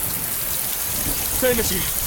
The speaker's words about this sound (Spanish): No van a lograr escucharlos con la tormenta. Pueden ser muy severas. Envuelven todo el planeta.